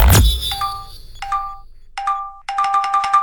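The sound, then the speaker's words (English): A burst of bright electronic notification chimes from a phone receiving group chat messages, three separate two-tone pings followed by a rapid string of repeated alerts piling up, clear with no one talking. “Okay, who just sent 47 messages about dinner? Check the group chat.”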